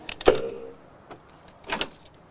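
A lock on a front door being picked from outside in the darkness: a sharp metallic click and scrape, a faint tick, then a second brief rattling scrape, with no one talking.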